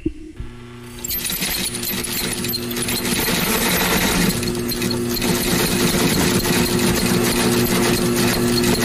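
A sewing machine runs steadily after a brief quieter start, a continuous mechanical whir with a low humming tone and busy rattling, clacking texture throughout; no one speaks.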